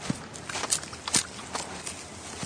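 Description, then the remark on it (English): A voice imitates a quokka crunching a leaf: about five irregular, crisp, crackly crunches spaced across a couple of seconds, fairly soft, with no talking. “You do sound like a hungry quokka crunching on a tasty leaf.”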